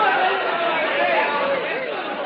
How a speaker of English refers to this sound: It worked. The crowd rushed out.